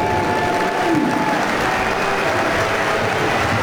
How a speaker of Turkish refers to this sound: Alkışlar Karabek'e.